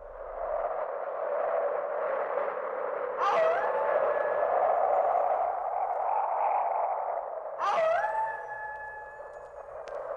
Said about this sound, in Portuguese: Aqui estamos eu e você no meio da ventania e dos lobos uivando.